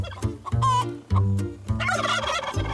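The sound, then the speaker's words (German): Loud turkeys on a farm, kept to guard the hens, gobble in rapid, overlapping bursts, their warbling calls tumbling over one another for a few seconds with no talking. “Das sind jetzt unsere Türsteher, die hier so laut gackern, schreien.”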